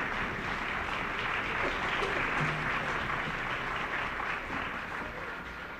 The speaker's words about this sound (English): Colonel Arnold Gabriel conducted the Interlochen Arts Academy Band, and Colonel Gabriel has asked the band to rise and share in the applause.